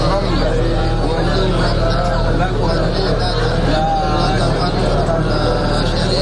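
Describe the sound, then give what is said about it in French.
Many pilgrims' voices chant and talk together continuously inside a moving bus in a convoy heading to Mina, the engine's steady low rumble running beneath the dense, echoing crowd of voices. “À bord de bus, le voix des pèlerins résonne sans interruption.”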